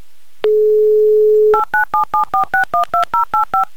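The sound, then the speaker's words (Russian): A steady low dial tone hums for about a second, then eleven quick, evenly spaced touch-tone beeps dial a phone number, placing a call from Moscow to Moscow. Each beep is a short two-note electronic tone, and no one speaks. “звоним Варваре и делаем это прямо сейчас”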